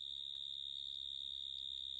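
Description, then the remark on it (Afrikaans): A shovel-nosed frog calls with a continuous, high-pitched buzzing trill, steady and loud throughout, rapidly pulsing like a mole cricket's chirr, with no voices. “Daar's paddas wat klink net soos 'n insek, soos byvoorbeeld die graafneuspadda. Hy klink net soos 'n molkriek.”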